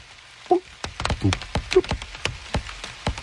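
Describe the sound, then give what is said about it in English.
Rain strikes the leaves of plants growing on a sabo tree, under the tree canopy, with the microphone pressed right up to the leaves: a dozen or so sharp, crisp taps landing at irregular intervals, close and fairly loud, with a few brief tonal chirps in the background. “And when it rained, I went from leaf to leaf under the tree canopy, recording, pressing the microphone up close to the leaves to hear the different”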